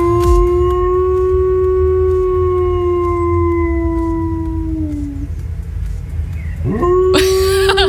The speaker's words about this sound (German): Ihr Hund kann nämlich perfekt die Feuerwehrsirenen nachmachen.